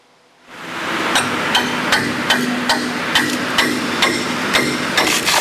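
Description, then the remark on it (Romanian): Steady hammering at a pipe replacement construction site in Bucharest, Romania, roughly a dozen sharp blows at an even pace, ringing out over a constant wash of background site noise. “Lucrările de înlocuire a conductelor închid alimentarea cu apă caldă pentru 4.000 de blocuri din capitală.”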